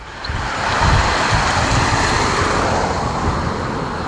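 Steady wind blowing outdoors on a mild, sunny Monday evening in Oberplötz, a broad roaring rush with low buffeting rumble against the microphone, fairly loud and continuous throughout, with no voices.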